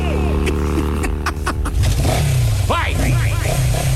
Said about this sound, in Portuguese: Ah lá, tá vindo ele de moto, tá vindo de moto o Pepeco. Deixa ele. Ele e sua moto, fazendo a festa aqui. Vai lá, Pepeco.